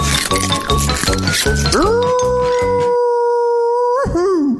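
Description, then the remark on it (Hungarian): In a spoof radio advertisement, a rhythmic thumping beat gives way to a wolf's howl, rising sharply and then holding one loud, steady note for about two seconds before it wavers and drops away at the end. “Arra ment a farkas, és nem ette meg, mert nem vette észre.”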